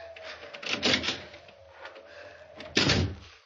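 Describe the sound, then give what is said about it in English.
An unlocked door of a house opens: a rattling of the latch and handle, a brief scraping pause, then a louder wooden clunk as it swings and knocks near the end. No voices. “Here's a door. It's only unlocked. Oh, it is.”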